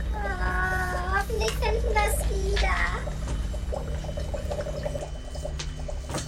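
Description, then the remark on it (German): Children's voices call out and chatter at a busy beach, with splashing water and a steady low rumble of surf and wind running throughout. “Na, dann gehen wir doch mal an den Strand.”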